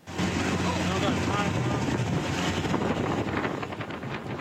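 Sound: motorboat engine on water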